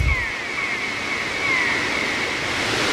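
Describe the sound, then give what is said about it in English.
A sound effect of steady ocean surf rushing and hissing without a break, with faint, thin seagull cries high above the wash of the waves, evoking the sunny seacoast of Wells, Maine. No one speaks. “And Iris put in the ocean and the seagulls down there in the sunny seacoast of Wells.”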